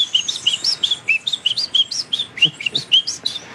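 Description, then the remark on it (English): A whistled imitation of the song of the Munchique wood wren, a bird of the Colombian highlands: a rapid, steady run of bright, high chirping notes, about four per second, clear with no talking. “There is one here where we are that is called the Munchique wood wren that lives in the highlands.”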